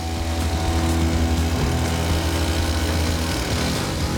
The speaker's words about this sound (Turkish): Her şeyi kesen metal bir testere tomrukları kesip onları aynı boyda tutmaya yarıyor.